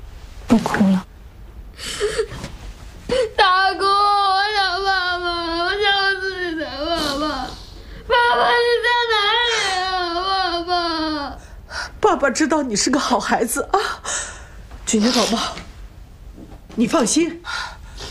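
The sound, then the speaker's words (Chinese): A child cries loudly for their father, letting out two long, wavering wails with short gasping breaths between them, then breaking into choppy, broken sobs. “不哭了。大姑，我想爸爸，我想自己的爸爸。”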